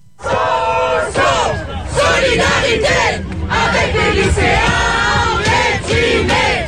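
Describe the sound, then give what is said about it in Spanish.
A large crowd of university students waving a student union flag chants loudly in unison at a street protest, shouting solidarity with secondary school students, their rhythmic slogans rising and falling in bursts, continuous throughout. “Solidaridad con los estudiantes de secundaria deprimidos, gritan los estudiantes universitarios que ondean una bandera del sindicato de la Unión Estudiantil.”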